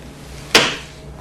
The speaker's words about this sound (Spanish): Betty, mientras revisas mis cosas, digamos que veamos qué tiene Betty en sus cajones. Oh, por Dios, Betty cerró sus cajones.